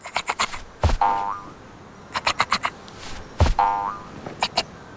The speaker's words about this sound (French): Écoute, on dit que le kangourou tousse.